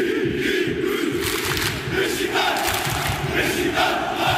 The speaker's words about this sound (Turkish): 90 dakika boyunca susmadı taraftar. Desibel rekorlarını zorlayan tezahüratlarıyla Fransız temsilcisini baskı altına aldı.